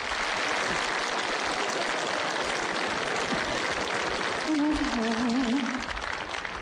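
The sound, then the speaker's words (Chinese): Sustained audience applause welcoming Zhao Benshan, Fan Wei and Wang Wei for the comedy sketch 'City Working Girl' on a radio variety show, a dense, steady wash of clapping at constant loudness, with a brief wavering voice-like tone rising over it near the end. “接下来的时间，小楼给您安排的这是一段小品，由赵本山、范伟和王威早年合作的一段《城市打工妹》，咱们掌声请上这三位演员。”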